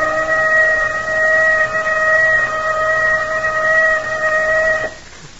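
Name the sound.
warning whistle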